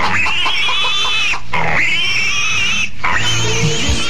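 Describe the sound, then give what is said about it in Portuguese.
Pigs squeal and grunt loudly and continuously at feeding time, a dense chorus of high, harsh squeals with two brief pauses, with no talking. “Tratar dos porcos.”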